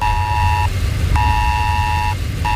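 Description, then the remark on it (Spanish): A piercing electronic emergency alert tone on mobile phones, warning of severe storms and flooding in the New York and New Jersey area, similar to Spain's ES-Alert, sounds in long, steady bursts with short gaps, layered harmonics ringing loudly over a constant low rumble, with no voices. “Sí, alerta por tormentas severas e inundaciones en la zona de Nueva York, en Nueva Jersey, con un mensaje que nos ha llegado a todos los móviles similar al del Esaler de España que tenemos en nuestro país y que ha sonado así.”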